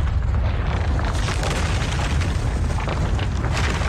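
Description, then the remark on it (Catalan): A loud, sustained rumbling crash of a rockslide inside a mine, dense and heavy in the low end, with rattling debris throughout and no voices. “De cop i volta, se sent un gran espetec de roques. Un espetec més gran de l'habitual.”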